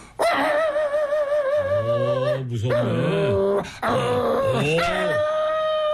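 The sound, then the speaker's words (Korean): A man's voice imitates a house dog from Chungcheong province barking fiercely at a burglar climbing over the wall, drawn-out snarling yelps and low growls in a few loud bursts with a brief pause between them. “그러면 집에 있는 개들이 짖는 강도가 다릅니다.”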